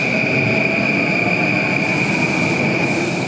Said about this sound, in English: Neon-lit skyscrapers, robots serving coffee in a corner cafe, and bullet trains whizzing by at 200 miles per hour.